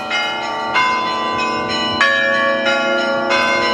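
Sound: festive church bells ringing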